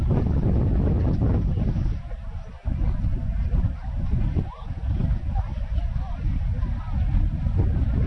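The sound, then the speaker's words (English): Steady, loud wind gusts buffet the microphone at a cricket match, a low rumbling roar that swells and dips briefly but continues throughout, with no clear talking on top. “A little movement in the air with a gust of breeze.”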